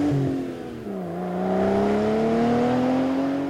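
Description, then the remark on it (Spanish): A car engine revs loudly, its pitch dipping briefly then climbing in a sustained rising whine for several seconds, with no voices over it. “Y rugen los motores.”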